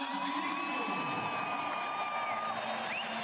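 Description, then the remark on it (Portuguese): A stadium crowd at the Grêmio vs São Paulo match roars steadily as player Carlos Vinícius, number 95, is announced in the line-up, a dense wash of cheering and shouting voices with a few high whistles cutting through, sustained loudly for a few seconds. “Vamos ouvir agora a repercussão do torcedor para o nome de Carlos Vinícius, 95.”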